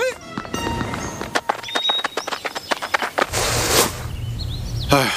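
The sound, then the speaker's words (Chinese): Hooves of a donkey, which has turned up at a company, clip-clop in a quick, uneven series of sharp knocks, then give way to a burst of hissy, rustling noise. “大毛猴，光头强没出来，出来头驴。 啥玩意儿？公司啥时候有头驴啊？”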